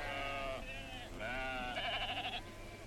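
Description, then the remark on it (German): Sheep bleat in a continuous string of loud, wavering calls, one after another with a shaky, trembling quality toward the end, over a low steady background hum. “sind die Schafe schon drin?”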